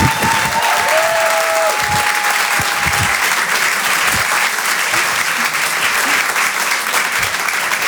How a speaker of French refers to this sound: Je vous demande de l'encourager, de l'applaudir très chaleureusement.